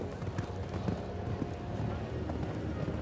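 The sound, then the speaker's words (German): Quick, rhythmic hoofbeats of a horse cantering across a show jumping arena, steady, with a busy background of crowd murmur and voices underneath. “Pferd mit hoher Frequenz, ist mir vorhin schon im Normalparcours aufgefallen, aber hat leider bei höherem Tempo etwas an Höhe verloren.”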